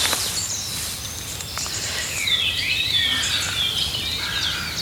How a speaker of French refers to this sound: Ça, c'est typique du rossignol Philomèle, ce départ-là. Mais c'est un vrai rossignol.